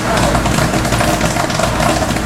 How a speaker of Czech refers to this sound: Ale poslouchám ten podcast, co jsme si pustili, ono to vypadá nebo zní, jako by tady pršelo, jo? Ne, ale to má být zvuk právě popcornu, já to vytáhnu na chvilku.